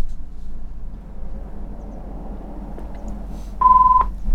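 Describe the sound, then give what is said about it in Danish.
A telephone rings once near the end, a short, steady electronic tone cutting clearly above a low, constant background rumble, with no one speaking. “Og der ringer det”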